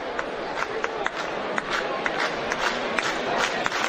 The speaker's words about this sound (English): This big crowd in excess of 6,000 wanting to make some noise.